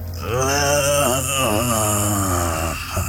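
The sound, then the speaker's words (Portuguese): An elderly-sounding man lets out a long, strained groan with a wavering pitch, fairly loud, lasting about three seconds with no other sounds around it; an exaggerated, performed effort noise of an old man bending down to get into a Ferrari. “entra como um velho aflito a dobrar-se.”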